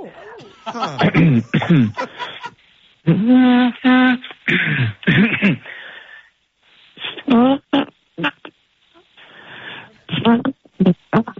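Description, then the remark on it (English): In a voicemail message, a person repeatedly tries to imitate an elephant trunk's trumpeting, producing strained, brassy vocal bursts mixed with breathy coughs and snickering laughter, in uneven spurts with pauses between. “That's like, I'm trying to make the elephant trunk sound.”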